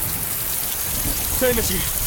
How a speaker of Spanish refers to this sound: No van a lograr escucharlos con la tormenta. Pueden ser muy severas. Envuelven todo el planeta.